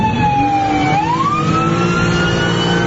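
A loud ambulance siren wails steadily as the ambulance, missing a tire, can no longer move. Its pitch dips and then rises again in a smooth sweep over a constant low rumble of traffic or engine noise. No one speaks.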